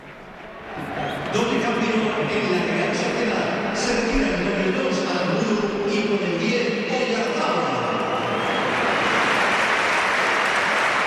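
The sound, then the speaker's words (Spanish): A large stadium crowd at the Bernabéu applauds steadily as Oyarzabal is substituted and removes the captain's armband, a dense wash of clapping that swells within the first second and holds loud and even throughout, with a roaring cheer blending in toward the end. “Y mira, se va a marchar hoy Arzabal, sí, se quita el brazalete, escuchamos al Bernabéu.”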